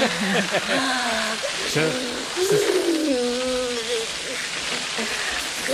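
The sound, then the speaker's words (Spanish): A steady hiss of water spraying from a garden hose fills the whole clip, crackling much like food frying in a pan, while a voice talks and exclaims over it, in a scene from the film La Ley del Deseo in which Carmen Maura is being hosed down. “Uy, soy el único que escucho una freidora en lugar de una manguera.”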